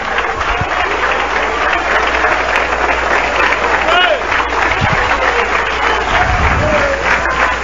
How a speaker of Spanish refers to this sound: Alabado sea Dios en esta hora. A su nombre. Denle un aplauso a Cristo, que se merece.